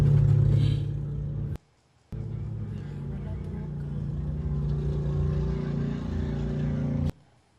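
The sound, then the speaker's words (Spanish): A car left running at a gas station in Texas during an arrest by ICE agents runs with a steady, low droning hum, cutting out briefly for a moment before resuming and holding an even rumble, then stopping abruptly; the car nearly rolls away on its own. “Mira, el carro.”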